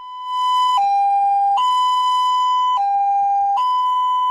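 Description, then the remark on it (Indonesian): A loud ambulance siren in a slow two-tone pattern, alternating between a higher and lower pitch every second or so, steady and continuous with no voices; this pattern signals an ambulance carrying a patient who is not in an emergency condition. “Nah, ternyata setiap suara sirene memiliki makna sesuai tugas yang dilakukan ambulan pada saat itu.”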